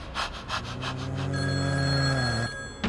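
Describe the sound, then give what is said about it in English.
A telephone rings loudly with a rapid, pulsing bell that settles into a sustained, steady ringing tone before cutting off, with no voices present. “I was home alone, and it started with the calls.”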